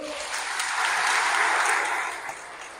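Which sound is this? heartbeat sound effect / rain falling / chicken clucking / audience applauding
audience applauding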